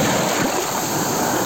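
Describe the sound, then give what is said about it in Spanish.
Ocean surf washing onto the beach at Laxe on the Costa da Morte, a steady, loud roar of breaking water that fills the whole moment without pause, with no voices present. “Así soan as ondas na praia de Laxe.”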